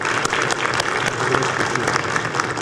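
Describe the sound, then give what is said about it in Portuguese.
Steady audience applause fills the whole stretch, dense overlapping claps from a sizable crowd, with no one speaking over it. The applause is for Senator Nelsinho, requested on behalf of all the senators present. “A presença aqui do jovem no campo das ideias, e também, porque ele é médico, se cuida muito, o senador Nelsinho, que eu peço uma salva de palmas a ele em nome de todos os senadores que estão aqui.”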